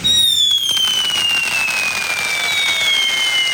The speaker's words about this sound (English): The sound of fireworks this weekend.